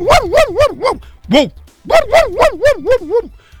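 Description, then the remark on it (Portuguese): Dogs in a neighbourhood barking loudly in quick, yappy bursts: a rapid run of barks, a brief pause with a single bark, then another fast string of barks. “Lá no meu bairro tem uns cachorros que late à toa.”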